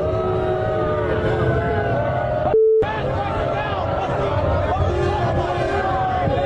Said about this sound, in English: Donald Trump being lustily booed when he arrived at the venue tonight in New York. This was him being booed inside the venue when people spotted him during the national anthem.